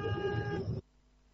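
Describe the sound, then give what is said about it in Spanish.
A single loud car horn blast holds steady for under a second, then cuts off abruptly, leaving only a faint low hum behind. “Bueno, quería saludar a mi padre que debe estarte escuchando, está trabajando en la alarma, respuesta móvil, ahí va el bocinazo.”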